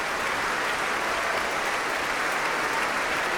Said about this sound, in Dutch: Ja, hand in hand, Ivan Fischer en Guy Brownstein. Om dit applaus in ontvangst te nemen.